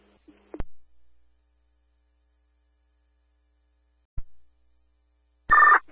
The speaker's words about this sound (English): A1 committed to a transport, will tone in 2, stand by for the tones at 858.